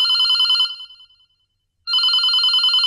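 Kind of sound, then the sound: household object, telephone bell ringing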